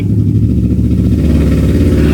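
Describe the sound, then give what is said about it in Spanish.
A motorcycle engine rumbles steadily outside, a loud low drone with a pulsing throb that holds through the whole moment, with no voices over it. “¿Una moto?”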